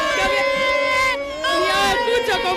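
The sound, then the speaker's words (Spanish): A loud crowd celebrating Argentina's World Cup win in the Plaza de Colón, throwing drinks, shouting and dancing, voices chanting together in sustained, tuneful cries that dip briefly midway before surging again. “Bueno, aquí ya de todo, aquí la gente, estoy metida en corrillos, la gente no para de tirar copas, de gritar, de bailar.”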